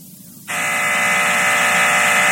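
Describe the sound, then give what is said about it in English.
An office intercom buzzer starts abruptly after a brief quiet moment and then holds a loud, steady, harsh electric drone to the end, with a low hum underneath. “Miss Blue, buzz me.”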